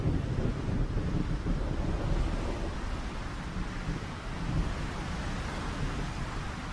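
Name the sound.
violent gusts of wind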